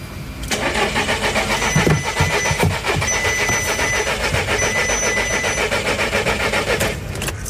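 A car engine cranks steadily for about seven seconds with a loud, rhythmic whirring churn, never catching or firing up before it cuts off abruptly.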